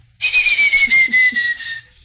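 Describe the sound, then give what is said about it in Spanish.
A person whistles a single long, loud note that glides slowly downward for about a second and a half, breathy at the edges, imitating the call of a chojín bird as a signal. “Ese es un pájaro chojín, niña.”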